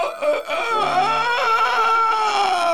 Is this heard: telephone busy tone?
no